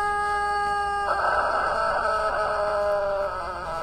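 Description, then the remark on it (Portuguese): A rooster named Galo Papudo crows on the Rádio Jornal FM morning show at 5:12, in one long, drawn-out call lasting a few seconds, starting as a steady tone and then breaking into a loud, raspy, quavering cry before trailing off. “Esse é o Galo do Papudo, ….”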